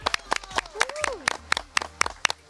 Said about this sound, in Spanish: Aplausos, por favor.